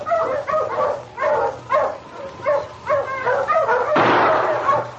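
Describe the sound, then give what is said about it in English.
Several sled dogs of a dog team pulling a sled on the Dawson Trail bark and whimper in quick, overlapping yelps, a steady rhythmic chorus that swells into a louder, rougher outburst near the end, with no one speaking. “Get those dogs, Chico.”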